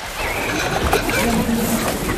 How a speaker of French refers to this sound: Vous entendez ? Ceci est le son d'un enfant qui se noie. Une personne qui se noie ne crie pas et n'agite pas les bras.